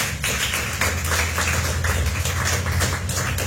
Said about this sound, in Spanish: Dale una ofrenda de palmas fuertes a mi prole.